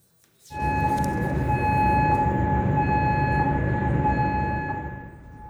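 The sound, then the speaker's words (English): An air raid siren in Kuwait's capital during an Iranian missile and drone attack sounds loud and steady, holding a sustained droning tone over a heavy rumbling wash, beginning abruptly and fading slightly near the end. No one speaks. “And sirens have sounded in Kuwait's capital.”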